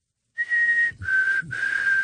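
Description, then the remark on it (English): A person whistles an imitation of a black-capped chickadee call: one clear, steady high note, then two slightly lower sustained notes, heard alone with no talking. “My favorite walking around Edmonton's River Valley is the little delightful black-capped chickadee, which goes...”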